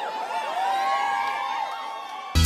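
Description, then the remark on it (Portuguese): A large crowd yells "ui" together, many overlapping voices rising and falling in a loud, sustained whooping cheer that stops abruptly near the end. “Quem gostou, grita ui!”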